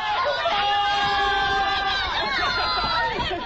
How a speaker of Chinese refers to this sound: 科技人员们在这神圣的导弹基地上欢呼着，跳跃着。